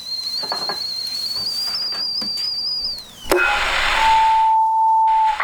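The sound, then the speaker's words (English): A kettle put on for tea whistles with a steady, shrill high tone for a few seconds, then drops off into a loud hissing rush of steam, with a lower steady tone near the end. “The kettle's on.”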